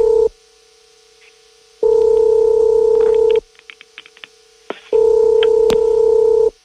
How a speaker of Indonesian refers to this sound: Coba kita telepon dulu untuk anaknya ya, Bu Endang ya. Iya. Yeah, baik, yeah. Kita akan coba hubungkan.